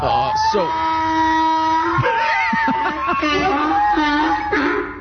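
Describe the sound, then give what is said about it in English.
A donkey brays loudly for about five seconds, a harsh, wheezing hee-haw that rises and falls in pitch through several strained, honking cycles with no talking over it. It is the 'breaking news donkey' sound effect played when news breaks on the Armstrong and Getty Show. “When news breaks, the donkey brays.”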